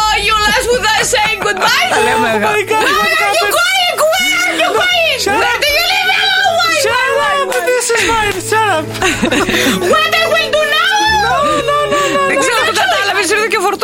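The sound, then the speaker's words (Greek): A voice performs a loud, theatrical wailing cry with sobbing, warbling pitch swings, an over-the-top imitation of a hired British mourner crying in English, as other voices chuckle and chatter in the background. “Κλαίω σε Βρετανό.”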